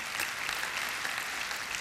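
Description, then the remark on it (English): An audience claps steadily for the Lord, a dense, even wash of many hands with a bright, crackling texture and no pauses. The applause holds a constant moderate level, with no voices. “Go ahead, give the Lord a hand to clap on that one.”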